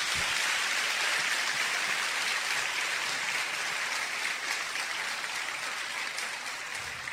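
A crowd applauds the Lord, God of life, steadily for about seven seconds, many hands clapping in a dense, hissing wash that stays at an even, strong level without any voices.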